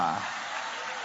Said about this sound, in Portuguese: E podem aplaudir a Deus com alegria. Pode exaltar, pode adorar. Oh, glória!